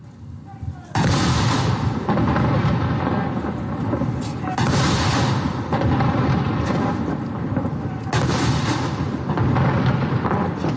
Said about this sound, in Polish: Pamięć bohaterskich żołnierzy majora Henryka Słucharskiego i kapitana Franciszka Dąbrowskiego, którzy bronili placówki przez 7 dni, uczczono apelem pamięci oraz salutem armatnim. Salut armatni!